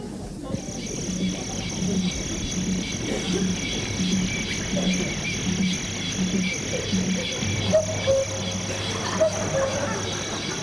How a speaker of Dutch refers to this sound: Dames en heren, oerwoudgeluiden